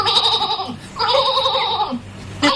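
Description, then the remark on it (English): An old sheep bleats loudly in three wavering calls, each a quavering, nasal cry with a short pause between, heard alone without any talking. “Right on, this old sheep, he don't want to stop.”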